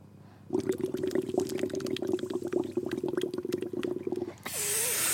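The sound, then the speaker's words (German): Steady bubbling of water gurgling through a bong for several seconds, dense little pops over a low hum, then it breaks off into a soft hissing exhale. “Hallo, du musst während der blubbert.”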